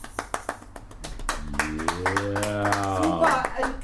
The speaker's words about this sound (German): Baby, was für ein schönes Outro. Wo bleibt der Applaus, bitte?